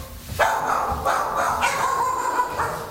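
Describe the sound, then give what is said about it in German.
Several dogs, who came back indoors when heavy rain suddenly began, bark repeatedly in a reverberant indoor space, with overlapping barks and yips coming in quick bursts at a steady, fairly loud level, and no speech. “Da sind ein paar der Hunde wieder nach innen gezogen, wie man unschwer hören kann.”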